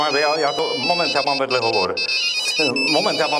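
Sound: mobile phone ringtone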